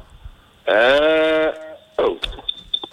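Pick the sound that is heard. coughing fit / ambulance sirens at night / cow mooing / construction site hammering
cow mooing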